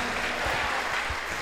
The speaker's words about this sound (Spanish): Le damos un fuerte aplauso a …. ¡Que viva …!